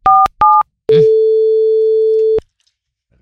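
A telephone call being placed: two quick dial beeps, then a click and a single long, steady tone that stops abruptly. Loud and close, with no voices.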